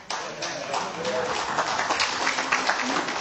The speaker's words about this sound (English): Well, I got through that, and that's okay. And people clapped. Nobody booed.